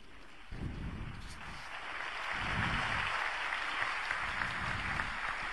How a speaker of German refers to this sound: Es gibt Applaus für die Predigt von Papst Leo dem 14. bei der Heiligen Messe hier auf der Piazza Bartolo Longo vor dem Marienheiligtum von Pompeji.